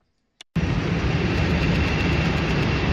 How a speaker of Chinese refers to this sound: 上午，随着引擎轰鸣，圆通航空嘉兴号货机缓缓升空，飞往孟加拉国达卡机场，标志着嘉兴南湖机场首条国际货运航线正式开通。